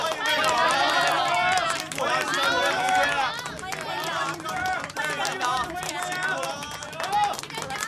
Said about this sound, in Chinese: 喂，商南的父老乡亲们，我宣布，咱们商南县茶叶站今天正式成立了，让我们用热烈的掌声欢迎茶叶站站长